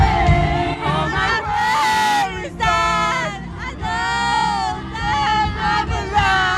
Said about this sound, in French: C'est beau, une foule qui chante en chœur, ou en tout cas qui lâche prise.